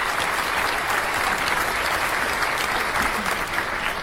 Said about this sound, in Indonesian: Ya, sekali lagi tepuk tangan untuk dewan juri dan para peserta.